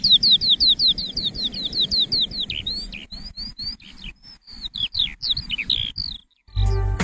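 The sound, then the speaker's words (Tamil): House sparrows chirp, starting with a rapid string of short, bright chirps, then continuing in looser, uneven bursts over a low background rumble, with no talking. “நம்ம இன்னைக்கு சிட்டுக்குருவி அப்படிங்கிற பறவைய பத்தி தான் இன்னைக்கு முழுசா பேச போறோம்.”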